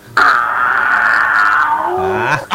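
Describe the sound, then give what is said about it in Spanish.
A person lets out one loud, sustained roar with their voice, a raspy, strained cry held for about two seconds before dipping lower and cutting off, alone. “Ahí va el rugido.”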